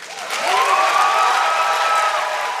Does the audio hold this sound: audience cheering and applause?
yes